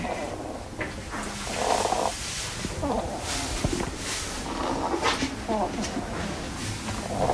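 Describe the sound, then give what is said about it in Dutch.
A hedgehog named Koos, which has lungworms, breathes with a rough, rattling wheeze, a steady snore-like rasp running through the whole stretch, while people talk quietly over it. “En misschien dat je de microfoon ook even bij Koos kan doen, want dan hoor je dat hij ook een beetje een reuteltje heeft.”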